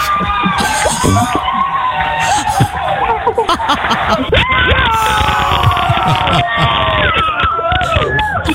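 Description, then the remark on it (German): A group of people in the Moin Show studio of Antenne Niedersachsen cheers and shouts excitedly as it becomes clear there is a final for 10,000 euros, with overlapping high-pitched whoops and screams, loud and continuous for several seconds, full of jubilant voices talking over one another. “Großer Jubel bei uns in der Moin Show, denn in diesem Moment war klar, wir haben ein Finale um 10.000 Euro.”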